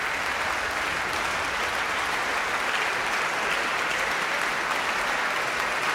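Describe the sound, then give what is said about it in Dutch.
Sustained, dense applause with bravo calls from a large audience at Tivoli Vredenburg continues steadily for several seconds, with no pauses and no single voice standing out above the clapping, after the Van Baarle Trio played Beethoven's Triple Concerto in C major. “Bravo geroep hier.”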